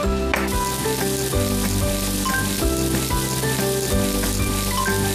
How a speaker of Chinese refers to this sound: 这时候呢，咱要大油炝锅。